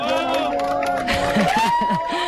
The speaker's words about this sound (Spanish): Este era el momento. Así hemos despedido la totalidad en el Observatorio de Yebes entre aplausos, lágrimas y abrazos.